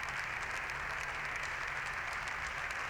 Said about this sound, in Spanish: Siguen los aplausos al presidente del Partido Popular, Alberto Núñez Feijóo.